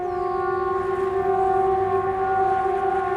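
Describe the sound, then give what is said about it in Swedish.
A Swedish public warning siren (VMA signal, 'Viktigt meddelande till allmänheten', known as 'Hesa Fredrik', normally tested once a quarter) sounds steadily at full loudness, a droning multi-tone wail that holds without pause for the whole stretch, with no voices. “Det var ju vid ett tillfälle i det scenariot så ljuder VMA-signalen, den här vanliga, den som vi brukar höra en gång i kvartalet när den övas.”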